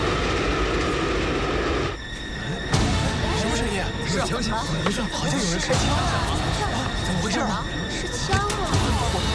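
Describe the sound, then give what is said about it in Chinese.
A train rolls steadily along the rails, about to enter a tunnel, with a loud, continuous rumble and metallic clatter, while voices talk over the noise throughout. “火车快进隧道了！”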